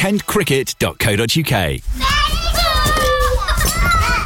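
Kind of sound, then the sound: toddlers playing and chattering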